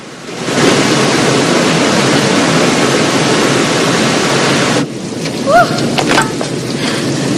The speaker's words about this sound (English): White water thundering over a sheer drop into a tumultuous plunge pool, sending up clouds of mist.